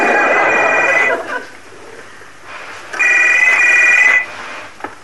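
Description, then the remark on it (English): A faulty, unrepaired telephone rings twice with an odd, thin warbling tone, each loud burst lasting about a second with a pause between, with no one talking. “But does it still make a noise like a castrated hamster?”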